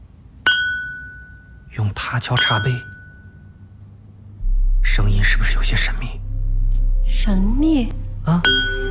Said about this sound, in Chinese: 用它敲茶杯，声音是不是有些神秘？